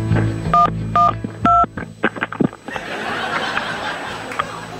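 telephone keypad dialing tones

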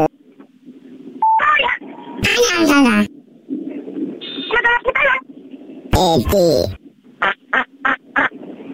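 telephone keypad dialing tones

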